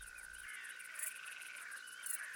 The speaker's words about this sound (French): Site du Malsaucy, mercredi 9 juillet 2003. Fin de la nuit, près de l'observatoire. Quelques insectes au nom poétique. Une grande sauterelle verte. Une courtilière.